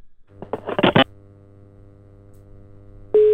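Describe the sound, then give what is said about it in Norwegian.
A quick burst of telephone dialing sounds as a radio show calls someone to see if he answers, then a quiet pause with a low hum, before a loud, steady call tone cuts in at the very end. “Nå ringer vi, nå skal vi høre om han tar telefonen.”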